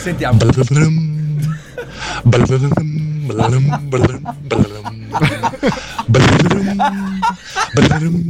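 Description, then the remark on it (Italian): On a radio morning show, a voice imitates a harp with the mouth, producing a run of short, plucked-sounding pitched notes with sharp attacks and sliding tones, interrupted by brief breathy bursts that resemble laughter. “Ma non fa mai così l'arpa. È difficile farla con la bocca, però.”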